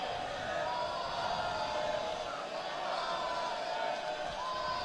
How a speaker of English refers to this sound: Crowd getting on Kimball.